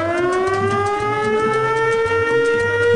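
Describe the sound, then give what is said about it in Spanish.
A loud, steady siren sound effect on a radio show wails with a slowly rising pitch and strong harmonics, accompanied by a low pulsing rhythm underneath, with no speech, announcing a cash giveaway for listeners. “Esa sirena que anuncia que vamos a entregar hasta más de 50 millones de pesos”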